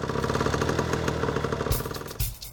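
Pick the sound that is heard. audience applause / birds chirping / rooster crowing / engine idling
engine idling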